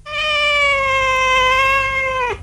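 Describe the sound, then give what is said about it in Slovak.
A person imitates a cat with one long, drawn-out meow, steady and loud for about two seconds before dropping off sharply at the end. Clear, with no other sounds. “Okrem psej reči som si obľúbil aj kocúrčinu. Hovorím asi takto.”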